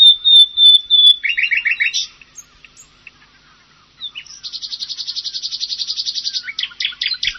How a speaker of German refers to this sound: Hier nochmal die Nachtigall im Vergleich.